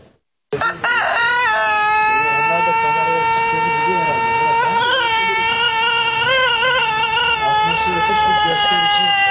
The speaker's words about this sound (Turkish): Ötüşleriyle birbirleriyle yarışıyorlar. Denizli horozları uzun ve ahenkli ötüşleriyle dünyanın en dikkat çeken horozları arasında yer alıyor.